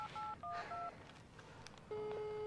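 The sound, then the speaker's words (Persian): A quick run of four or five electronic touch-tone beeps as a number is dialed, followed after a short pause by a steady ringing tone, heard clearly over faint background noise. “من نمیدونم، مثل اینکه میخواستم با تلفن زنگ بزنم.”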